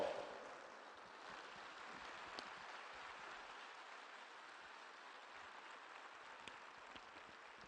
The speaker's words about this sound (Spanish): Un aplauso al Santo Rosario.